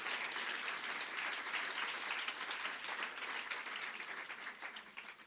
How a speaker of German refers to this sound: Nochmal Applaus für den Slammer aus Kiel.